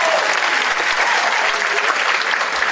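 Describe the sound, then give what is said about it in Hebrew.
A crowd applauds steadily and loudly for a few seconds, a dense wash of many hands clapping with no clear individual beats and no one speaking. “קודם כל כפיים, רבותיי, איש נראה מדהים.”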